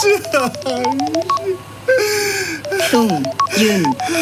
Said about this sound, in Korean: 전화가 왔습니다. 받을까요?